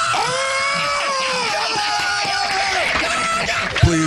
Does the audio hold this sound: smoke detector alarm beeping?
no